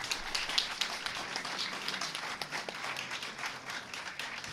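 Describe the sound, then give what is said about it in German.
A crowd applauds steadily for a woman about to recite a poem, dense overlapping claps at moderate volume for several seconds with no voices over it. “Einen Applaus für”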